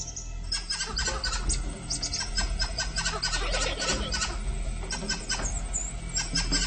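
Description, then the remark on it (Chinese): Shrill, repeated squealing alarm calls from several monkeys mobbing a python overlap continuously, a dense chorus of sharp high-pitched cries with steady loudness and no speech. “警报声仍旧没有停止。”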